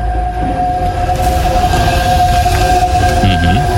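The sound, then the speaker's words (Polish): The hybrid engine of a Toyota Aygo X, a small city crossover with an automatic gearbox, runs steadily, a loud continuous low rumble with a sustained mechanical whine layered on top, holding an even level throughout with no voices. “Tak brzmi Toyota Aygo X w hybrydzie.”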